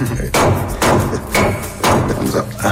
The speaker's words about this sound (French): D'abord, il faut commencer par écraser le clou de girofle. Mais doucement.